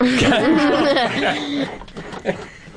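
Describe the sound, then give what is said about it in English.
A burst of wavering, voiced laughter from a host who is getting over a cough sets off a couple of short, harsh coughs, the last one sharper and louder than the first. “The host has getting over a cough, and laughing makes me cough.”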